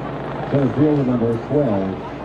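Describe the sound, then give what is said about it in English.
A steady, fairly loud helicopter drone fills the background throughout as it flies over Hadlock Field during an evening baseball game, with a voice speaking over it in the middle. “Helicopter that's rolling over Hadlock Fields.”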